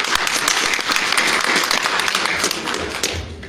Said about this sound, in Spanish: Un fuerte voto de aplauso, por favor.